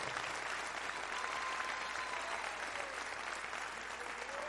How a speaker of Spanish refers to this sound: ¿Cuánto dan gracias a Dios por esa obra gloriosa? Dele un fuerte aplauso y gratitud entonces.